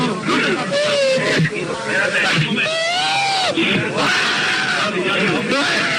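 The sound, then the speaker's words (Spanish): A man having a fit of nerves cries and whimpers, his voice wavering and breaking into shaky, high-pitched sobs that continue throughout with no clear words. “Y está llorando.”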